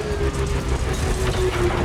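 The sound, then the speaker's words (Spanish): A distant hovercraft engine drones steadily as the craft approaches, a deep rumbling roar with a thin sustained whine riding above it, fairly loud and constant throughout, with no voices. “La luz del aerodeslizador distante se hace más grande a medida que se acerca.”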